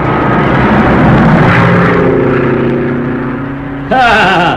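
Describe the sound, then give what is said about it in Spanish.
A small propeller plane drones loudly overhead as it descends in circles to land on an improvised jungle airstrip, its engine hum steady, then shifting sharply in pitch and roughness near the end as it comes in low. “era un experto piloto y le bastaba un espacio pequeño para aterrizar con su avioneta.”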